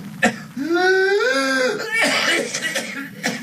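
A sharp cough gives way to a long, high-pitched, strained intake of breath with a whooping, rooster-crow-like tone, followed by a run of short, ragged coughing bursts, all loud.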